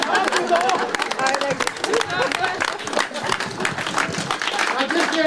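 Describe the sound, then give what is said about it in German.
Sustained audience applause after a concert with several encores on a Sunday afternoon at the Alte Schmiede, a dense, steady wash of many hands clapping at an even loudness, with some crowd chatter mixed in underneath. “Weiter klatschen, weiter klatschen!”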